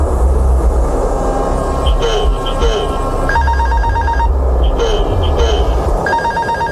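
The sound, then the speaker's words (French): A cockpit call bell, pressed repeatedly by a copilot to wake the captain, rings again and again in short electronic bursts over a loud, steady roar of aircraft noise, with muffled voices faintly underneath. “l'autre copilote s'acharne sur la sonnette pour réveiller le commandant de bord.”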